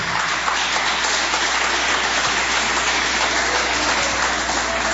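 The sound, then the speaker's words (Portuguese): An audience claps steadily for Jesus, a dense, even wash of many hands that holds loud for about five seconds with no voices over it. “Podeis assentar, assentando aquelas palmas bem bonitas para Jesus.”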